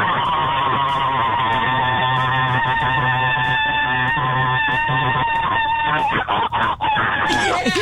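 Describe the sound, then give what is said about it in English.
A man's voice imitates a bald eagle, letting out a loud, continuous screech that wavers and rasps for about seven seconds without a break. “Oh, screech like a bald eagle for 7 straight seconds.”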